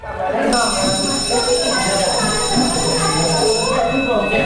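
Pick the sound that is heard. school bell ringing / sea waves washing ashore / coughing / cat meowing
school bell ringing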